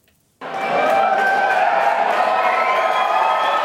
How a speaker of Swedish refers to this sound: Det blev till slut nej-sidan som fick jubla.